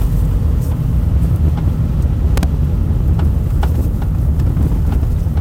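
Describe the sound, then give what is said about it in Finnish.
Knocking from a car's rear axle over bumps: several sharp, irregular clunks and taps poke through a loud, steady low rumble of road and engine noise. No one speaks. “Perässä selvästi tuossa taka-akselin.”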